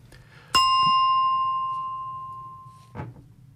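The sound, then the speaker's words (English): A single bright bell ding, signalling that a show is approaching its end, strikes sharply and rings on with a clear, sustained tone that slowly fades over a few seconds, followed by a soft thud near the end. “Goodness me, that bell snuck in.”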